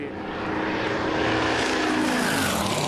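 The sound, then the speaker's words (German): A steady, loud whirring buzz of racing drone propellers from a drone on the race course, with a dense high-pitched whine whose pitch drifts slightly as it holds throughout, no voices present. “Bitte die Drohne entfernen. Drohnen dürfen nicht auf der Strecke sein.”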